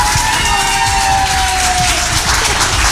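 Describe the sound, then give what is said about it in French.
A loud, steady roar of crowd applause and cheering for a singer's band members, dense clapping mixed with shouts and whoops, sustained throughout with no talking. “Venez les garçons, venez vous faire applaudir un petit coup là. Faites du bruit s'il vous plaît.”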